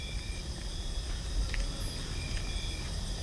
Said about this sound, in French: Le son est forme, le son est matière. Les grillons et crapauds buffles sont là pour nous le rappeler.